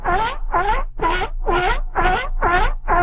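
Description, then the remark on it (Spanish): A person imitates a giraffe call: seven evenly spaced, nasal, humming pulses repeated in a steady rhythm, fairly loud, with no other talking. “Mira, aquí hay una persona que ya mandó su jirafa, nada más para que lo escuchen.”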